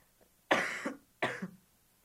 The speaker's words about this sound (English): Oh, I'm gonna cough again.